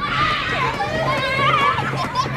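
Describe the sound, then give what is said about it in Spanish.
A crowd of children shouting and playing outdoors in a park in summer, with high-pitched voices overlapping in a constant, loud, busy chorus of calls and yells. “Ahora están escuchando el mismo parque en verano, lleno de niños gritando y tocando los huevos.”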